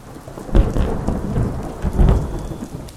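Steady rain pours down with no one speaking, while deep rumbles of thunder swell twice, once early and once near the end, loud over the hiss of the downpour.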